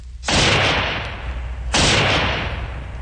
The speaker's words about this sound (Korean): 모태통이 한창 걷고 있는데 갑자기 건너편 숲속에서 귀청을 찢는 총소리가 울리었다.